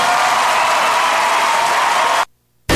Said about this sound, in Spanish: Quiero que recibamos con el mejor de los aplausos a este gran cantante colombiano.